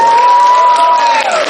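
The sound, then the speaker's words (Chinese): A live audience at a xiangsheng (Chinese crosstalk comedy) performance claps loudly and steadily in a dense wash of applause, while a sustained whistle-like cheer rings over it and slides downward in pitch near the end. “来，现场观众走一波掌声来。”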